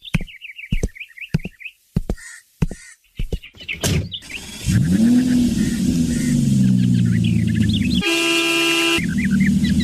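Birds chirp amid a few sharp thumps, then a car engine starts and revs steadily, followed by one loud, sustained horn blast before the engine rumbles on. No one speaks.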